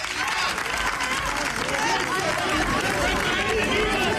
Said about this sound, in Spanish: El presidente Ceutí Vivas, que ve la tensión a punto de convertirse en violencia, se reúne a esta hora con el expresidente Aznar a su llegada. Abrazo en la calle de ambos y aplausos y eslogans.